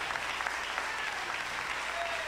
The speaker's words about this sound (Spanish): Dele fuerte ese aplauso al Cristo de la gloria esta noche.